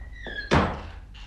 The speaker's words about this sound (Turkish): Kapıyı kapa önce.